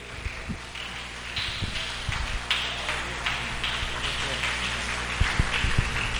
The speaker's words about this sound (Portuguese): Mostre o pregador nessa noite com bastante palmas, glória a Deus, aleluia.